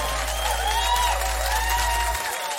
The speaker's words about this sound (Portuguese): palmas, só pode fazer barulho aí.